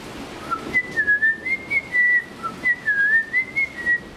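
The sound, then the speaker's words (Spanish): A person whistles a simple melody, the clear tone gliding up and down through a series of short phrases with brief pauses between them. “Salvo por ahí los locos que hacen diplofonía y canto tibetano y esas cosas, que hacen varios sonidos a la vez, pero un mortal como nosotros puede silbar más o menos afinado una melodía.”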